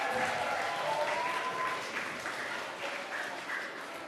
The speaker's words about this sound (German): Einen kräftigen Applaus für die Goldabzeichen.